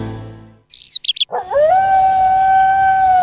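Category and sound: animal, dog howling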